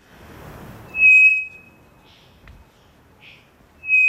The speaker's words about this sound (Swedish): Mm. Det vi hör här, det är en treflikig klockfågel som jag tror sitter i Amazonas.